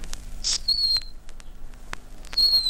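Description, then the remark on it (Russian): A bird whistle, used to lure nightingales, imitates a nightingale: thin, high, sliding whistled notes in short bursts with pauses between, fairly clear over faint background noise. “Вот так приходите в лес в конце апреля и вот так посвистите. Сейчас же появится соловей, если он уже тут.”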